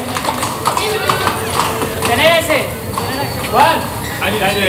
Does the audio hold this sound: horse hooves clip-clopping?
yes